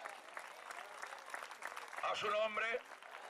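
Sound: audience applauding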